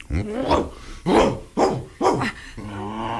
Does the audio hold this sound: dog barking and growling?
yes